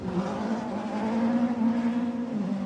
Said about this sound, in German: Das sind ganz normale Autos, so ein Peugeot 206. Ich weiß nicht, ob das einigen hier vielleicht ein Begriff ist. Und die rasen hier mit so einem Tempo an mir vorbei. Jetzt startet gerade wieder einer.